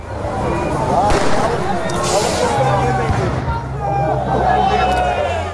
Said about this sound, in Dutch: Vanavond liep een protest opnieuw uit de hand. Er werd vuurwerk gegooid en brand gesticht.